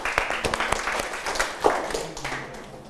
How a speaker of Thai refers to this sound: ปรบมือให้กับเพื่อนเลยนะครับ